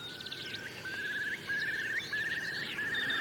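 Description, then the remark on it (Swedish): A common snipe calls with quick, steady trains of rhythmic ticking notes, repeated several times over a soft chorus of higher bird chirps and faint background hiss, on a cold spring morning of 2–3 °C in large fields crossed by a stream, ringed by forested mountains. “Där var enkelbeckasinen.”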